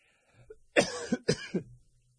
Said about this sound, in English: Excuse me, I got to apologize for this cough I've had now for about 3 weeks, and I just can't get rid of it. It's lingering, and it's annoying, and all that stuff. And so I do appreciate or apologize for coughing while I'm reading these news articles